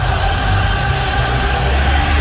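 A big crowd at a New York Knicks basketball game in Madison Square Garden sings along loudly in unison, a dense, continuous roar of many voices with no pauses.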